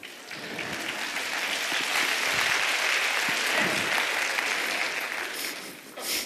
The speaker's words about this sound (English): I hope you're clapping because you disagree with that statement.